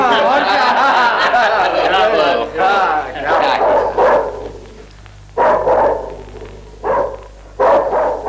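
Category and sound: animal, dog barking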